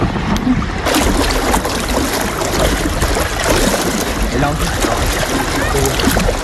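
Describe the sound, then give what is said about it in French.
Water rushes and splashes steadily along a sailing boat's hull, a loud, continuous wash with small surges, and no pauses. “Il n'y a que le bruit de l'eau, il n'y a pas tant le bruit du vent, mais quand les deux sont combinés, qu'on sent le vent souffler dans les oreilles, le gouvernail qui est un peu dur à manœuvrer avec toute l'eau qui est traînée derrière, je trouve ça”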